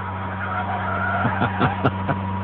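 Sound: car driving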